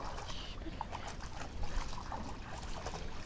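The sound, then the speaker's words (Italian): A dog laps at river water in the middle of a river amid steady splashing and trickling, a continuous wet churning that stays moderately quiet throughout, with no voices. “E si inia a bere proprio al centro di fiume.”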